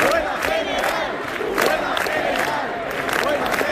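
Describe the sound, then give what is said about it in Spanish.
A large crowd of protesters packing the Puerta del Sol in Madrid at night, protesting the housing crisis, fills the air with a steady roar of overlapping voices, punctuated by rhythmic bursts of shouting and chanting that rise and fall every second or so. “Hoy termina el plazo dado por la comunidad y el ayuntamiento para desalojar la Puerta del Sol, que una noche más está abarrotada de gente protestando por la crisis de la vivienda.”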